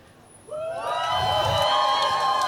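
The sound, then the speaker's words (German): A live audience at a drag queen's show bursts into cheering and clapping, a loud wash of whoops and many raised voices that starts suddenly and holds steady to the end. “Das ist meistens, wenn ich eine Pause mache vom Reden, heisst es, das darf klatschen.”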